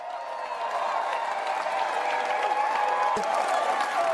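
A large crowd of supporters applauds and cheers steadily for Keir Starmer after his landslide British general election victory. It is a dense, continuous wash of clapping with scattered shouts and voices mixed in, heard from within the crowd.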